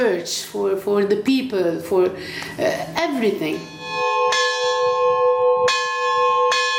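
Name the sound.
monastery church bells ringing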